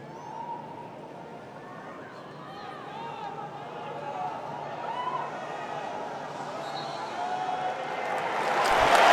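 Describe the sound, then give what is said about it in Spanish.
A large stadium crowd in Dallas, Texas, applauding just before a match kicks off, a dense, steady wash of clapping and murmuring voices that gradually swells and grows loudest in the final seconds. “Aplausos que caen en Texas, en Dallas.”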